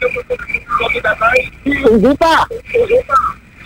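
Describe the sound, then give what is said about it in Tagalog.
A radio plays loudly in the background at a 77-year-old man's end of a phone call, its tinny voices and tones coming through a thin, telephone-quality line, continuous and cluttered for the whole stretch. “Tatay, makinig po kayo sa telepono, huwag po sa radyo ninyo. Patayin niyo.”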